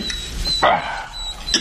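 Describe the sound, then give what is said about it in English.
A dog barks once, a short sharp yap, with fainter yips or whines around it and a thin high whistle-like tone in the background; no one speaks. “You give those dogs another piece of my food.”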